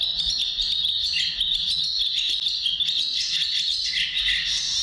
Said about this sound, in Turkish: Bu kakırlangıcı. Kakırlangıcının ötüşü. Çekmeli bir sesi var. Yani böyle tersten çalıyormuşsun gibi. Çıkıdık çıkıdık diye devam ediyor. Hemen kakırlangıcı bir kere daha çalacağım.